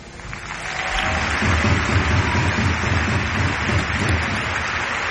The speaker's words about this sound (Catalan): Aplaudeix el president Joan Laporta, la llotja.